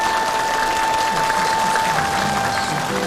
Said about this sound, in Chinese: 政委，你的父亲是个英雄，今天的掌声都是属于他的。